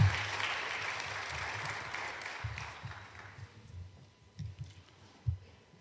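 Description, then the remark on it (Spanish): An audience at a church service applauds the Lord Jesus Christ after a prayer, with dense, steady clapping that gradually thins and fades, leaving a few scattered low thumps and claps toward the end. “Denle un aplauso al Señor Jesucristo, hermanos.”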